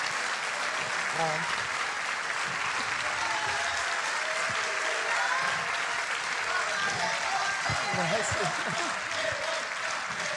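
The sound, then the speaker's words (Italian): Sustained audience applause welcoming guest Giampiero Gasperini fills the whole stretch, a dense steady clatter of many clapping hands at an even loudness, with faint voices and cheers mixed underneath. “Beh, che accoglienza! Mi sono portato i tifosi dietro.”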